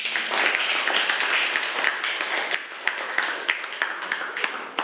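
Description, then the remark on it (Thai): A room full of people applauds steadily for several seconds after a video on adolescent changes published by Burapha University Hospital, a dense wash of clapping with a few sharper individual claps standing out near the end. “ครับก็ขอขอบคุณสื่อวิดิทัศน์นะครับเรื่องของการเปลี่ยนแปลงด้านต่างๆที่เกิดขึ้นในวัยรุ่นนะครับเผยแพร่โดยโรงพยาบาลมหาวิทยาลัยบูรพาขอเสียงปรบมือด้วยครับ”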